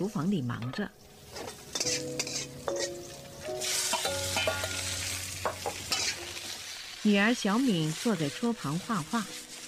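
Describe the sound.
Food sizzles steadily in a hot pan in a kitchen in the evening while Tu Youyou's husband stirs and scrapes with a utensil, with ringing metallic clinks of cookware; voices are heard briefly at the start and again near the end.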